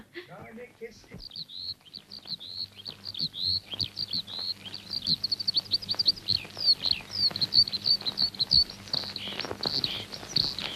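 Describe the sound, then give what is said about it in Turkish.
Dense, rapid chirping from several small caged birds offered for release, high and busy, continuing throughout with bright tweets over a faint low hum and some background voices. “Gökleri, denizleri, ağaçları özlemiş azat kuşum. Kafesinden kurtul, yaşayacağın yerlere uç.”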